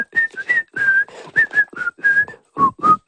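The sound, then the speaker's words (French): A person whistles a bright, bouncy show theme tune, a quick string of short and held notes wavering in pitch, with breathy gaps between phrases and no talking. “qui siffle”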